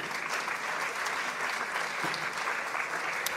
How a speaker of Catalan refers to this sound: Un fort aplaudiment per ella, si us plau.